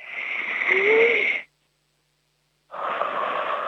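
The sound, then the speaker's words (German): Two people breathe deeply together: a loud, deep breath drawn in, a brief silent pause, then a long, forceful breath pushed back out, with no talking. “Wir atmen jetzt nochmal gemeinsam kräftig durch.”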